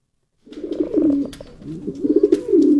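pigeon cooing

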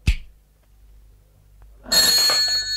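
telephone ringing

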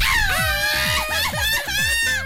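mexican celebratory grito shout

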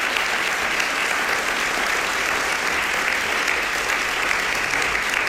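audience applause

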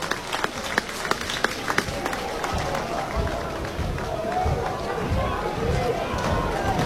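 baseball stadium crowd cheering

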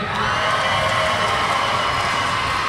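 crowd cheering

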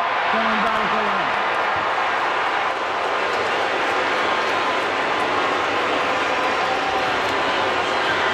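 stadium crowd booing

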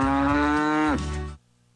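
cow mooing

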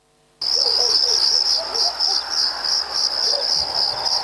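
crickets chirping

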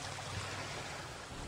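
ocean waves crashing

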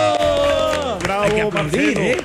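applause and cheering

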